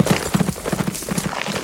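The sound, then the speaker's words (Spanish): Horses' hooves clip-clop in a quick, steady rhythm, fairly loud, with hollow knocking beats following one another without pause and no voices, as two horses pass under a log lying across the path and Zorro leaps over it. “Sus dos caballos pasan bajo el tronco y el zorro salta por encima y vuelve a caer de pie sobre el lomo, pero el sargento se estrella en el tronco y cae desmayado.”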